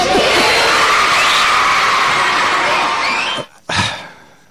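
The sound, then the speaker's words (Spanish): A big group of happy children loudly shouting the chant "Six Seven" together, a dense, continuous roar of young voices that breaks off briefly, then flares up in one last burst before fading. “Six Seven, gritan los niños felices.”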